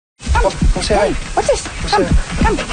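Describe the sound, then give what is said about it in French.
A 10-year-old dog that does not want to go out for a walk whimpers and lets out short, yelping barks in quick succession, fairly loud, with whiny rising-and-falling cries repeating throughout. “Pourtant, le chien de 10 ans a toujours aimé se promener, mais depuis”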